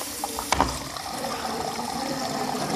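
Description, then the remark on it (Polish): A sharp click, then a steady rush of running water as a horse drinks from an automatic drinker that releases water when pressed with its muzzle, continuous with no voices. “Się woda leje, jak się naciśnie pyskiem. I tak pięknie szumi.”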